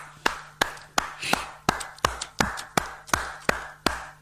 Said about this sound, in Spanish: Sí, claro que me lo voy a permitir. voy a aplaudirte.